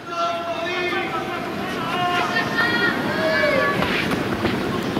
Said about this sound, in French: Oui, le vent qui est toujours là, mais beaucoup moins présent que lors des deux journées précédentes où il avait particulièrement perturbé les joueurs et les joueuses.